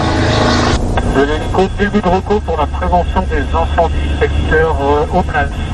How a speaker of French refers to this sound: Au-dessus de nous, l'hélicoptère de la gendarmerie a une vue d'ensemble.